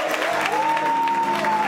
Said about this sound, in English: But when we're able to come together like this, ain't nobody mad but the devil. So you ought to give God a hand clap that you done made the enemy mad.